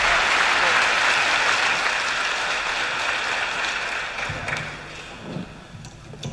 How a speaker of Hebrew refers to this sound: רחש בקהל.